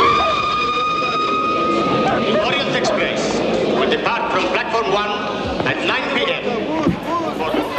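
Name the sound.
train running on rails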